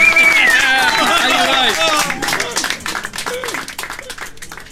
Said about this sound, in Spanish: ¡Aplauso! ¡Explote!